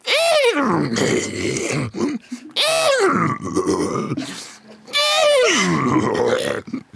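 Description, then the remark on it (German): A child's voice imitates a horse with three loud, strained whinny-like cries, each sliding down in pitch and separated by brief pauses. “So klingt ein Pferd vermutlich, wenn du versuchst, dich draufzusetzen”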